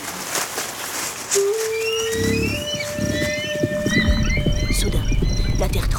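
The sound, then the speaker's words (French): Horses ridden by Idatsa warriors gallop in at full speed in summer on a Rocky Mountains plateau, with a rapid drumming of hooves that swells into a heavy rumble, while birds chirp and a steady tone hums in the background. “Les chevaux déboulent à toute berzingue.”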